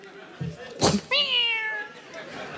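A short noisy burst, then a single drawn-out meow from a mongrel cat, clear, sliding downward in pitch before trailing off into quiet background noise.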